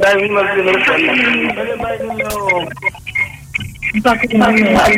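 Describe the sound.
A radio plays loudly in the background in a house, its voices and music continuing steadily while nearby speech comes and goes over it.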